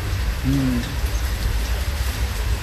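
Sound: rain falling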